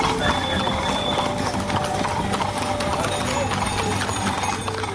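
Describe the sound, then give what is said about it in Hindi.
Horse hooves clip-clop in a quick, steady trotting rhythm during an ikka (horse-cart) race, loud, with a busy crowd and voices murmuring underneath throughout. “खासकर सिंधी नस्ल के घोड़े अपनी आकर्षक और लयबद्ध चाल के लिए विशेष पहचान रखते हैं।”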